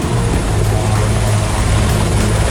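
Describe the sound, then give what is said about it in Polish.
A firefighting helicopter's rotor roars loud during wildfire fighting in Serbia, a steady churning drone with a low throbbing hum that never lets up, heard on its own without any voices. “Akcja gaśnicza z wykorzystaniem helikopterów prowadzona jest w 6 miejscach, w tym na terenie rezerwatu przyrody Deli Blacka Peszczara na wschodzie kraju.”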